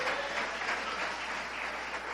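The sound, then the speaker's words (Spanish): An audience claps steadily during a church service, applauding to give glory to God, a dense wash of many hands, moderately loud and sustained without pause. “Dele un fuerte gloria a Dios y un aplauso en esta hora.”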